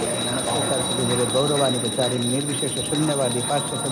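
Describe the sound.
A small bell rings continuously with a steady, high, piercing tone as food is offered to Krishna. Voices chant a mantra rhythmically underneath throughout.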